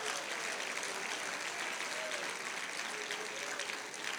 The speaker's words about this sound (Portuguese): Isto, desocupe as mãos e pode aplaudir, pode.